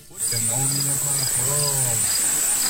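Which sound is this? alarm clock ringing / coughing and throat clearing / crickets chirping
crickets chirping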